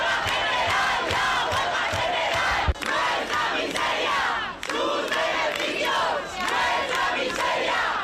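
A dense crowd of protesters outside the Congress in Madrid, with the tenants' union Sindicat de Llogateres calling for a general strike, shouts together in loud, sustained chanting, many voices overlapping in a continuous roar with rhythmic surges and brief dips, plus a sharp thump partway through.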